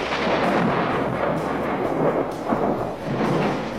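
Deep, continuous thunder from a big storm rumbles loudly for several seconds, a dense rolling roar with a few heavier swells and cracks and no voices over it.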